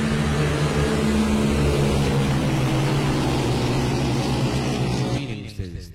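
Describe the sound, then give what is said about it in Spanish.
Loud, steady engine roar from several motorcycles, three to five, racing along a road, a dense buzzing rumble that holds for about five seconds before fading quickly as they move off. No voices. “Tres motos, cinco motos, en plena carrera, ¿no?”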